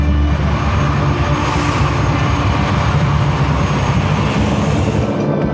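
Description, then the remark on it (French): A loud, steady low roar of a Canadair water-bomber plane passing overhead, swelling slightly around the middle and holding for several seconds with no voices; the planes fly over the fire zone all day, scooping water from the Seine every 6 to 10 minutes. “Toute la journée, les Canadair survolent la zone.”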